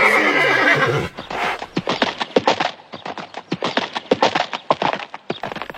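A horse lets out a loud, brief whinny, then its hooves clatter in a steady, uneven clip-clop on a hard surface for several seconds, with no voices.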